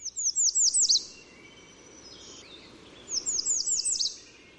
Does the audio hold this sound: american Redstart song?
yes